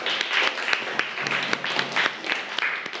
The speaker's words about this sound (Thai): เก่งมากปรบมือให้ตัวเองหน่อย